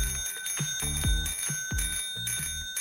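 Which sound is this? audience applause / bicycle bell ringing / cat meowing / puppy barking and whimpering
bicycle bell ringing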